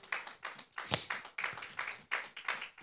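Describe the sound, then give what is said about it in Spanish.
A church audience claps hands for the Lord in a steady, rhythmic beat, sharp bright slaps repeating about twice a second with no voices over them. “Aleluya, dele palmas al Señor.”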